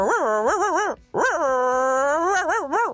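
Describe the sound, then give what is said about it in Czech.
A female listener imitates a dog's whimper: a loud, high-pitched whining that wavers up and down, broken by one short pause, then a longer wobbling whine, with no talking. “Zvuk pejska, posluchačka, jestli to není tvoje konkurentka.”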